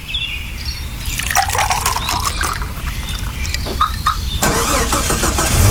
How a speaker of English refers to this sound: A car starter from Kelleher Tech. Need we say more?